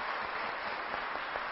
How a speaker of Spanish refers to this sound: ¿Dónde están? Ok. Muy bien. Un aplauso para estos niños. Felicidades.